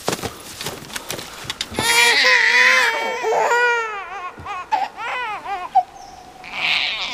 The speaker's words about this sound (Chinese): 哎，你一抱孩子，孩子就哭，他一哭就把狼人招来了。